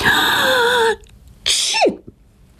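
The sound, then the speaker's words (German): A girl with a cold sneezes once: a drawn-out, high-pitched breathy wind-up, a brief pause, then a sharp, loud burst that drops off quickly, with no talking around it. “Petronella muss niesen.”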